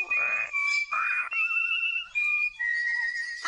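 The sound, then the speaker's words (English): A bird sings a song of long, steady whistled notes, each held for about half a second, stepping between high and slightly lower pitches with brief pauses. The singing is loud, with no talking. “Stop it, you naughty birds. I can't stand to hear that thing one more time.”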